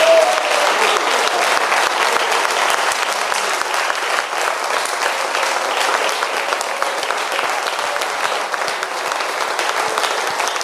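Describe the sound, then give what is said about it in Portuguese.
An audience in Brazil applauds in praise of Jesus, a dense wash of clapping that stays loud and even for about ten seconds without a break. “Vamos aplaudir a Jesus por aquela vida.”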